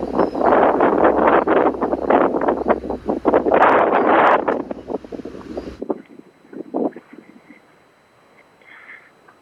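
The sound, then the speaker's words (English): Loud, blustery wind buffets the microphone with rumbling low-end gusts for several seconds, then abruptly drops to a much quieter, sheltered hiss with faint rustling as the recordist hides behind a palm tree to get out of the wind. “I'm actually kind of hiding now behind a palm tree to get out of the wind.”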